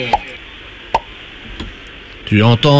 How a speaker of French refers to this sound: Tu n'entends toujours rien ? J'entends le tire-bouchon.